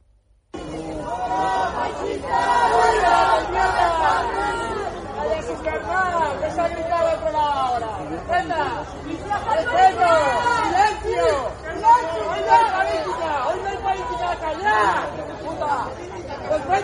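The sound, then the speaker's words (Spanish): At a gathering of about 300 people holding a minute of silence for a murder victim, a crowd of many voices, some shouting "fuera fascistas", clamors at once in a dense, continuous roar of overlapping cries, staying loud for the whole stretch with a few sharper surges along the way. “En medio del minuto de silencio, algunos gritaron fuera fascistas, politizando el tema.”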